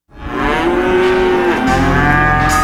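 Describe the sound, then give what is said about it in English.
A cow lets out one long, loud moo that starts abruptly and holds steady for a couple of seconds, with its low droning tone shifting slightly partway through and no talking. “There aren't too many other corners of the world that have as many cattle as we do.”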